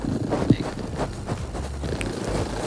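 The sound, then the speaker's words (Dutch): A cat named Mitzi purrs in a low, steady rumble with a soft pulsing texture, partly blurred by breathy, wind-like noise and a brief bump of handling sound, with no voices. “Goh, waarom momenteel aan denk ik hier Mitzi, die zit te spinnen voor mij. Je hoort ze wel echt eventjes.”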